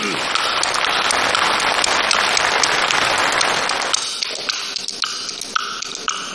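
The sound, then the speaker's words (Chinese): A dense burst of audience clapping, which a performer asks to be warmer just before he sings, fills the first four seconds, then thins out as a few voices speak over scattered remaining claps. “这个掌声热烈一点 啊。”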